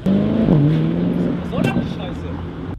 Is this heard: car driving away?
yes